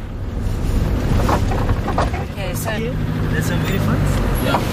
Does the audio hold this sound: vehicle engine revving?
yes